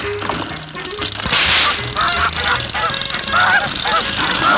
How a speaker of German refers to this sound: Oh, bitte, heut doch die Gans, weg! Das ist die blöde Gans!